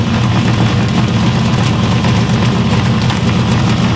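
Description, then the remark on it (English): A car engine idles steadily, its loud exhaust producing a deep, rumbling, sputtering drone that stays constant throughout without pauses. “It sounds like a whoopee cushion is attached to your car.”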